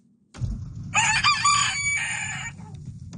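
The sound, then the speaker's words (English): A rooster crows once, a loud, harsh, strongly harmonic call lasting about a second and a half that breaks then holds steady, over a constant low rumble. “Well, a woman in the Annapolis Valley has launched a new registry for roosters.”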